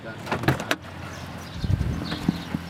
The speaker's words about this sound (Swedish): Nu hänger tunga hänglås på dörrarna till kasinon och andra byggnader som polisen stormat. När jag står och känner på de låsta dörrarna kommer en vakt fram.